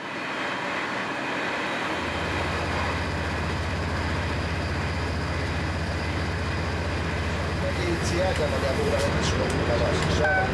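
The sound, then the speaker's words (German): A diesel train in Israel rumbles steadily along the rails with a deep engine drone and clattering wheels, loud throughout, with faint chirps and squeals near the end. “Elektrifizierte Strecken gibt es in Israel bisher nicht. Der gesamte Verkehr ist verdieselt.”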